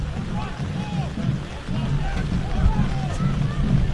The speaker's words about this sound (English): And the wind is coming back. So we're getting into the remnants of the hurricane.